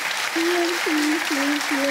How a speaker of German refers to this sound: Der Applaus geht dahin.